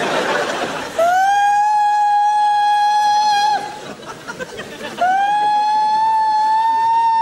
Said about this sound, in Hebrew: צפירה, צפירה.